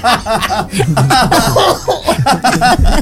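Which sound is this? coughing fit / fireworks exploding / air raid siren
coughing fit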